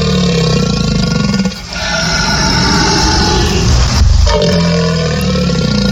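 A crocodile bellows in loud, deep, rumbling roars with a harsh, buzzing tone, in two long stretches broken by a brief dip and a short pause. No one speaks.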